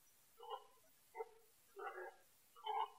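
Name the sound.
dog barking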